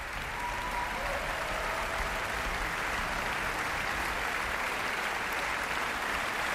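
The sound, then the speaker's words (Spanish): Sustained applause from a large concert audience, a dense, steady wash of clapping at even loudness throughout, with no voices standing out, applauding the orchestra, including its string section. “Y aplausos también muy destacados para toda la sección de cuerda”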